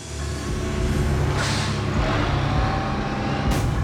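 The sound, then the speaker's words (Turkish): A garbage truck arriving idles with a loud, steady low engine rumble, broken by two sharp bursts of air-brake hiss, one midway and one near the end. Nobody speaks. “Çöp kamyonu geldi.”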